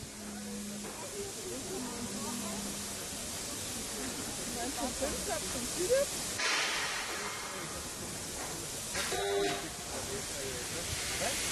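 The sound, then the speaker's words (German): A class 03 express steam locomotive, used today in museum train service, hisses steam in a steady, loud wash of noise, with two sharper surges of venting partway through and near the end. “Die Baureihe 03 hat im Vergleich zur etwas größeren Schwesterlokomotive der Baureihe 01 eine geringere Achslast und darf damit auch auf Strecken mit weniger stark ausgebautem Oberbau unterwegs sein, für die die Baureihe 01 einfach zu schwer wäre.”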